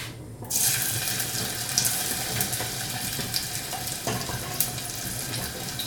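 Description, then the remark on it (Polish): After a brief quiet moment, onion ready for a croquette filling is dropped into hot fat and bursts into a loud, steady sizzle with scattered crackles and pops, continuous, with no one speaking. “Cebula gotowa. Wrzucamy.”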